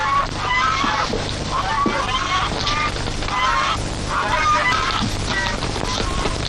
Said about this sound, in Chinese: 哦，外边有人斗鹅呢，我出去看看。